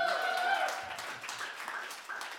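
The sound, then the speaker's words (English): An audience applauds in a dense, steady wash of clapping that runs throughout, with a high whistle-like tone over it at the start that fades out. “Put up your hand if you feel like you need some applause right now.”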